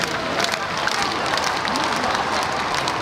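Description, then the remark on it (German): A huge outdoor crowd of hundreds of thousands lining the Champs-Élysées in Paris roars steadily, cheering the Pope as he rides by in an open popemobile, a dense wash of cheering and scattered clapping that fills the whole stretch without pause, with indistinct voices blended into the din. “Hunderttausende Menschen säumen die Champs-Élysées, jubeln dem Papst mit Vatikan- oder Frankreich-Fahnen zu, als er im offenen Papamobil die Straße entlang fährt.”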